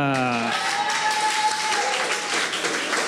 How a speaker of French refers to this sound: Alors la barge du Crous nous applaudit déjà.